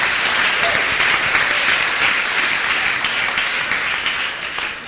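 An audience applauds steadily, dense overlapping claps at a constant loud level for several seconds with no pauses or voices standing out.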